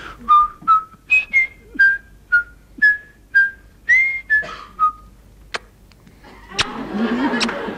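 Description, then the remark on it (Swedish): A guitarist whistles a short tune as a demonstration, about a dozen clear, separate notes stepping up and down in pitch, then it stops and a few clicks and a soft rush of noise follow. “Jag börjar vissla. Hur lät det då?”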